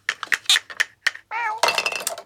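A quick series of light clinks and taps of toy dishes knocked together as a mouse and a cat play at dinette, followed by a clear cat meow and a louder, drawn-out yowl at the end.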